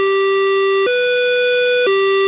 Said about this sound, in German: Der Türschließ-Dreiklang passt ja nicht ins EU-Recht und muss bei jedem neuen Zug durch Piepsen ersetzt werden.